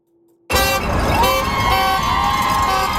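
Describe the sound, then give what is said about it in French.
Car horns blare loudly and continuously in support of a strike picket outside Surrey Memorial Hospital in Surrey, after a brief silent start, layered over a busy outdoor din of traffic and a gathered crowd with bells and shouts. “Au son des klaxons de soutien, des clochettes et des cris, la foule est rassemblée devant l'hôpital de Surrey.”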